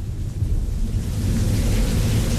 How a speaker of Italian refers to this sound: Un silenzio irreale si diffonde per la stanza. Si sente solo la pioggia fuori.